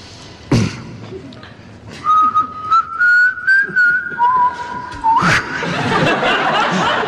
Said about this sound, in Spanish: El intérprete humedece sus labios en agua, como saben, el gran secreto de los silbadores.